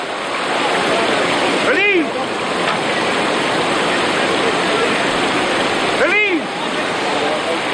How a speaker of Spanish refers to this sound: Escuchan el agua del río Aragón-Subordán que surcan los navateros de Laval cada año desde que recuperaron esta tradición ancestral.